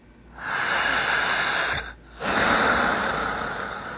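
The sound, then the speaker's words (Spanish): A long, deep breath drawn in, a brief pause, then another drawn-out airy breath that slowly fades, demonstrating correct breathing. No talking, just loud, hissing breathing. “¿Cómo es la respiración correcta? Así.”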